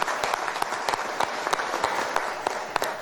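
A crowd claps steadily and loudly, dense overlapping handclaps forming a continuous warm applause with sharp individual claps popping out, no voices heard; the applause is for a priest and historian on his birthday.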